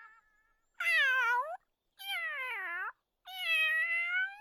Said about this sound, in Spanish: ¿Eso se oye como un pato? ¡No! ¡Es mi gatito Fígaro!